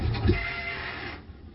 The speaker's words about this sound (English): the squealing bridge. The screaming bridge.